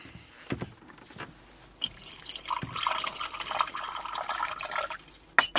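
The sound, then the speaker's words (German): Tea is poured into a cup in a steady, bubbling trickle lasting a few seconds, its splashy pitch rising as the cup fills, preceded by a few soft clinks and ending with a sharp knock. “Möchtest du eine Tasse Tee, Mädchen?”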